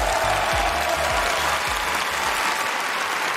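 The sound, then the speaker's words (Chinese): An audience applauds, thanking an opera performer who has finished changing costume and his two apprentices, in a steady, dense wash of clapping that holds at an even, fairly loud level throughout, with soft low thumps underneath and no voices on top. “让我们再次掌声感谢已经换装完毕的朱智慧老师，还有他的两个徒弟丑行 Twins， 掌声。”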